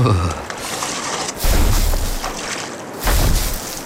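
Two deep, heavy thuds about a second and a half apart, like the booming footfalls of a woolly mammoth approaching in the tundra near the Lena River to drink, each followed by a low rumble over a steady noisy background.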